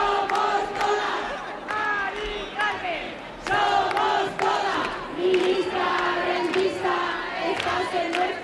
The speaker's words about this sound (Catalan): Són els crits que hem escoltat aquest dissabte a hora baixa en la manifestació que ha recorregut alguns dels carrers del centre de Madrid.